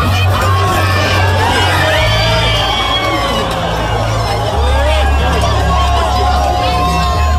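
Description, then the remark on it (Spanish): A large crowd of thousands of people on a beach cheers, applauds and shouts with excitement as the moon fully covers the sun during a solar eclipse, a dense roar of many voices with whoops rising above it, sustained and loud throughout. “Cuando la luna cubrió el sol por completo, la playa se llenó de aplausos, gritos y mucha emoción entre las miles de personas que miraban al cielo.”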